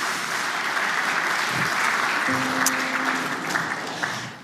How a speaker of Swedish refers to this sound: Bara en applåd